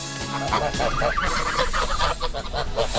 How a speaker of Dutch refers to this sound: Ja, dit geluid ken je misschien wel. De gans. Er worden steeds meer jonge ganzen geboren in Delft.